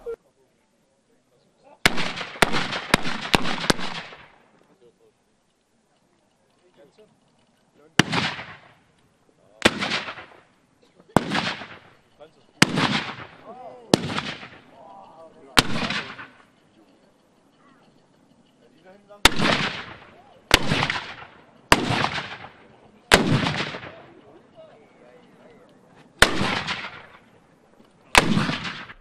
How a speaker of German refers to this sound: Über 50 Kanonen wurden präsentiert. Die gesamte Vorführung dauerte eine Stunde und war verbunden mit gewaltigen Schussgeräuschen. Und ganz in der Nähe der Kanonen verspürte der Körper ein leichtes Vibrieren.